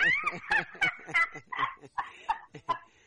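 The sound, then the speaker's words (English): A dog at home barks in a quick, steady series of about eight sharp, high-pitched yelps, loud, with no one talking over them. “Even our dog is at home.”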